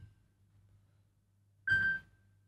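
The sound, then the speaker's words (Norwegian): A single short telephone ring, a bright, steady electronic tone lasting under half a second, sounding over a low, constant hum with no one speaking. “Det ringer, hør vem kan det være?”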